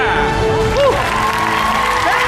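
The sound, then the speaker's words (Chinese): A crowd in Tangshan applauds and cheers at the end of a combat sports bout in a steady, loud roar, with a couple of rising whoops or whistles cutting through the dense clapping. “唐山的朋友们，您掌声在哪里？”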